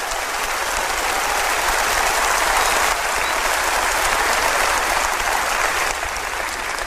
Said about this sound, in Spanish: Óigame, si usted va a dar ese aplauso, délo como se tiene que dar. Déselo al Señor.